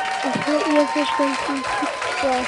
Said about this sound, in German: Super, hier kommt ein Applaus.